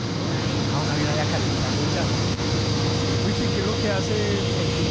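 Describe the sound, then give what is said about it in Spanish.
Steady, loud roar of aircraft engines at José María Córdoba airport in Medellín, operating normally, a constant droning hum with a whining tone on top and indistinct voices murmuring faintly underneath. “A pesar de la lluvia en la mañana de este martes, bueno, en la ciudad de Medellín, pues gracias a Dios, pues por fortuna, a esta hora opera con normalidad el aeropuerto José María Córdoba. Y es que mandó video y todo.”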